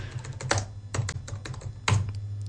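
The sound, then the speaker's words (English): Rapid, uneven keystrokes on a computer keyboard as someone types the film title Odessa Files, clicking in short bursts with a couple of heavier taps, over a low steady hum. “Oh, I keep typing in the wrong.”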